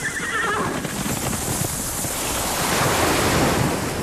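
Ocean surf rushes and washes steadily in a loud, continuous roar that swells toward the end, with a brief horse whinny near the start. No one speaks.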